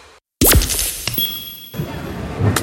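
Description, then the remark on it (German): A mobile phone drops and hits a hard surface with a sharp crack and brief clatter, breaking, followed by scattered small rattles and clinks as pieces settle, with no voices. “Oh nein, mein Handy. Oh komm schon, geh wieder an, komm.”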